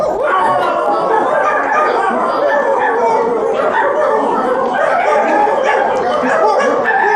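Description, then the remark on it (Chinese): A crowd of court officials loudly imitates dogs, barking, yelping and howling over one another in a dense, continuous, angry-sounding din that never lets up, frightening the Empress Dowager's dog Fugui. “不成，他可是太后老佛爷的狗啊”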